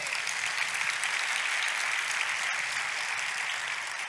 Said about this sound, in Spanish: Dar otro aplauso a Jehová.